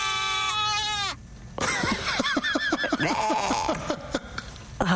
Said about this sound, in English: So, can I request every time she mentions Garbage Monday that you put in the goat scream? That'd be great. Can we actually just hear it again? I just want to hear it.